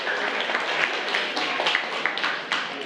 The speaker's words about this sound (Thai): กลุ่มไหนยกมือ11คำชนะนะคะปรบมือให้เพื่อนหน่อยค่ะ